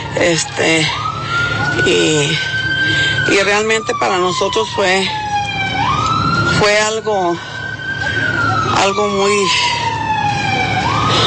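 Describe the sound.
Police patrol car sirens wail continuously, rising and falling in long sweeps, loud, while a woman speaks over them.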